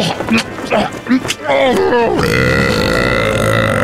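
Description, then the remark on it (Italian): Loud burping: a few short croaky bursts that wobble up and down in pitch, then one long, steady, rasping belch that holds at full volume until the end. The gas is caused by eating large amounts of fibre and legumes. “È tardi ormai, il signor ladro puttano detto Ciuccia Cats muore fra atroci strappi anali dovuti ai gas intestinali che fuoriescono violentissimi per colpa dell'ingestione di abbondantissime dosi di fibre e legumi.”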